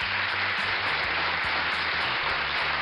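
A crowd applauds steadily for about three seconds, a dense, even wash of clapping at constant loudness, with a faint low hum underneath and no voices.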